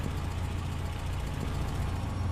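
A car engine idles with a steady, low rumble, fairly loud, holding evenly for a couple of seconds before being switched off, with no voices over it.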